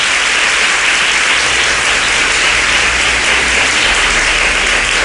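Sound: audience applause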